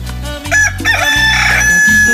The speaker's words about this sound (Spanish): Véngase para acá, mi gallo. Cántele, cántele, cántele. Bonito, bonito. Ah, qué chulo canta mi gallo, ¿poco no? Con toda la actitud y con todas las ganas de lunes. ¡Cántele más fuerte! Aunque se quede ronco.